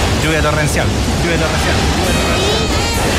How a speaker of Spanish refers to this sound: Lluvia torrencial.